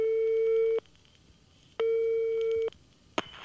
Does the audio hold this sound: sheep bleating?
no